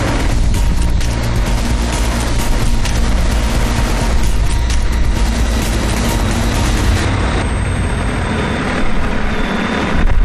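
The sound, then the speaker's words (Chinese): A heavy cargo drone drones loudly and steadily overhead, its rotor hum and engine noise continuous throughout with no voices, the pitch shifting slightly near the end, as it carries tree saplings and soil for planting trees on a high plateau mountain behind the Potala Palace. “通过无人机运送苗木和刻土，一般来回仅需要5-6分钟，一天算下来，一台无人机就可以完成8-14匹骡马的工作量。”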